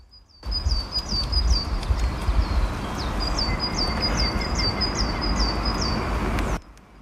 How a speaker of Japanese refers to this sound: はい、ということで鳥がね、すごい元気に鳴いていて気持ちいい場所なんですけど、まあそんなところを今走ってね、一回来てみました。